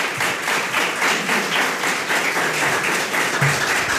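Steady, dense applause from a crowd fills the whole stretch, a broad continuous wash of many hands clapping at once, fairly loud, with no talking.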